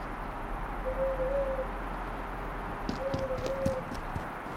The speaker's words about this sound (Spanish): Don Juan me llamó con una serie de gritos de búho.